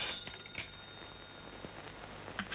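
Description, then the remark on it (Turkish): A telephone rings faintly with a thin, high bell-like tone that lingers steadily, heard alone with a few soft clicks and rustles in the background. “Aç bakalım, biraz pratik etmiş olursun.”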